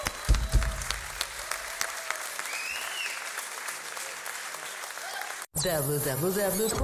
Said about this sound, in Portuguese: Palmas para vocês.